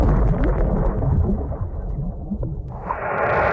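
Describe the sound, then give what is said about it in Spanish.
Several different bomb explosions underwater: a loud, deep rumbling roar that swells and rolls continuously, muffled and heavy, with a brief dip and then a renewed hissing surge near the end. No voices. “Así es como suenan distintas explosiones de bombas bajo el agua.”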